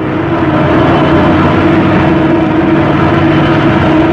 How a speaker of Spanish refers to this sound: La avioneta descendía peligrosamente. El fuselaje se estremecía y parecía a punto de deshacerse.